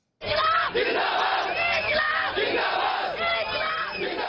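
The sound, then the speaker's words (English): A large crowd of demonstrators in India, supporters of the youth-led Cockroach Janta Party protesting over examination paper leaks, shouts and chants together, a dense, loud wall of many voices with rising and falling cries that barely lets up. “For more than a month now, tens of thousands of supporters have been holding nationwide demonstrations.”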